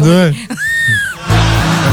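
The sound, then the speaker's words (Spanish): A voice imitates a stifled scream, as when trying to scream in a dream, starting as a wavering, strained moan, rising into a thin, high-pitched squeal, then collapsing into a loud, breathy rasp. It's fairly loud. “Cuando quieres gritar en el sueño y tú crees que estás que estás cantando en el sueño.”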